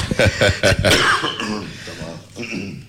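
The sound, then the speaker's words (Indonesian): A loud burst of several quick, harsh coughs in a row from a speaker during an interview, followed by quieter throaty, voiced sounds as the fit trails off. “Saya minta maaf batuk.”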